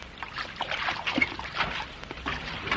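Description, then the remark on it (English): Water splashes and sloshes continuously with irregular bursts of churning as a plane sinks and a person climbs out of it, moderately loud, with no voices present. “Elaine is getting out of the sinking plane.”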